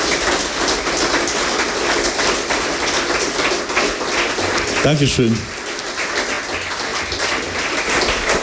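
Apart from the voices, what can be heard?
audience applause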